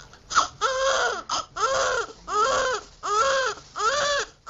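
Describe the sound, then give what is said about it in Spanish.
A newborn baby cries in repeated high-pitched wails, five or six loud bursts with brief gasping pauses between them, each cry rising and falling in pitch. “Hay sonidos de muchos tipos, pero hay uno que cambia la vida para siempre.”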